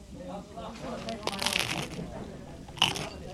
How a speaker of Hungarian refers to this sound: Ilyen hangot ad ki a kotyogós kávéfőző.